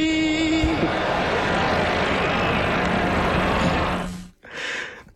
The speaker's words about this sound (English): There's concern in the crowd. There's a buzz. There's laughter.